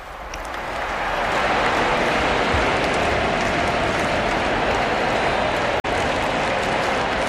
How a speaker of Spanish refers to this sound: La gente está aplaudiendo a su santidad, y ahora vamos a escuchar al cardenal, ¿verdad?